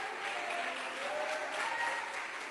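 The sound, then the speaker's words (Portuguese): An audience applauds to glorify Jesus in a steady, dense wash of clapping that holds at an even level for the full stretch, with no voices rising above it. “Glorifica a Jesus uma vez mais com tuas palmas.”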